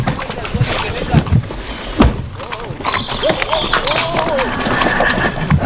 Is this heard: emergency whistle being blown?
no